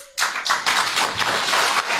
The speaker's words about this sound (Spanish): Bueno, muy bien. Muchísimas gracias, vecinos. Fuerte los aplausos para nuestra presidenta.